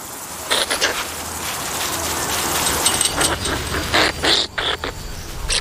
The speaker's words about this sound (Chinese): 一些攻击性强的欧洲地松鼠还会用叫声宣泄愤怒，表达的意思就是，我比你强多了，快让开。